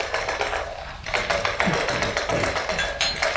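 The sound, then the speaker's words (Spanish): Dice clatter and tap repeatedly on a hard surface in quick, uneven bursts of sharp clicks as four men play a dice game of generala, with a steady busy background murmur and no clear speech. “Sí, estos cuatro hombres se juntan casi todas las noches para eso, para jugar a los dados, desde hace años.”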